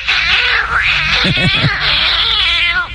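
A cat caterwauls loudly and continuously for a few seconds, its drawn-out, wavering yowls rising and falling in pitch, prominent with no talking.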